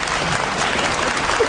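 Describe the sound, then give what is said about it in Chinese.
Dense, steady applause from a large crowd fills the whole stretch, a continuous wash of many hands clapping at once with no pauses and no voices standing out. “连鼓掌带叫好的500。太好，500万还有不鼓掌的，不鼓掌的啊！”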